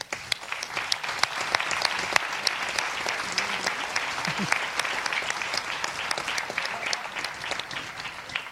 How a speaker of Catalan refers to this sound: Gràcies infinites a totes. I volia un aplaudiment per elles.